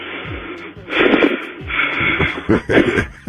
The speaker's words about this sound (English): Hold on, he just breathing heavy like he just ran.